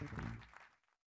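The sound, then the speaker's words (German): A brief burst of applause, a dense patter of clapping that fades out within about a second, with a faint murmur of voices mixed in. “Applaus, vielen Dank.”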